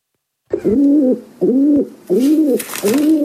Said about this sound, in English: Yeah, it's a pigeon.